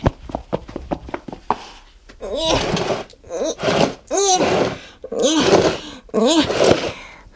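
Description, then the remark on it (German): A quick run of sharp knocks and clicks, then five long, heavy scraping pushes with a squealing whine, as a heavy box full of toys is shoved through a doorway across the floor at a radio station. Fairly loud. “Jetzt kann ich sie auch durch die Tür schieben und hier reinbringen.”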